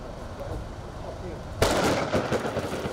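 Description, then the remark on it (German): Steady hiss of rain from the first big summer thunderstorm of the year over Nordhorn, then a sudden loud burst of pelting, crackling impacts, like hail hammering down, that stays heavy and rattling to the end. “Das erste große Sommergewitter des Jahres erreicht Nordhorn vor knapp 2 Stunden.”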